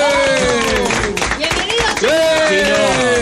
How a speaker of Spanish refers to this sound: El aplauso.